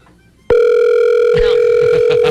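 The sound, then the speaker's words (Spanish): A steady, buzzy telephone tone of an unanswered phone call cuts in abruptly after a brief quiet moment and holds unbroken at one pitch, with faint clicks and rustling creeping in toward the end. “Que no, y caballito se metió una frustrada cuando no le contestaron.”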